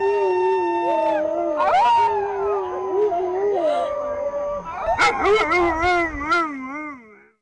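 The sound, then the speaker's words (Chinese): An excited Alaskan Malamute dog howls in long, wavering notes while many tourists howl back from all around, overlapping into a loud, drawn-out chorus of imitated howls. “一只阿拉斯加犬兴奋大叫，游客纷纷从四面八方回应，上演特别大合唱。”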